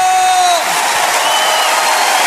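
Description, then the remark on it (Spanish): An audience, asked to stand, claps and cheers loudly for Christ: a dense wash of applause filling the whole clip, with a sustained tone at the start that slides downward and fades as the clapping continues. “Póngase de pie. Aplauda a Cristo.”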